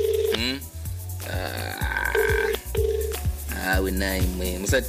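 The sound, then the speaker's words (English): A phone call rings out while waiting for someone to pick up, with short repeated ring tones over a loud, steady musical backing that fills the whole clip. “Kindly pick up the phone call.”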